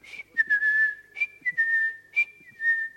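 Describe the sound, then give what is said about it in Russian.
A person whistles a short tune, sustained clear tones sliding between a few pitches in phrases broken by brief pauses, fairly loud with no talking. “Сказал, что сейчас вернется, он свистит вот так.”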